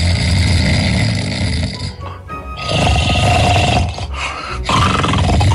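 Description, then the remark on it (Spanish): Loud, rasping snoring from a grandfather taking his afternoon nap, heavy rumbling breaths repeating in a slow rhythm with brief gaps between them, no talking. “ya roncaba estrepitosamente.”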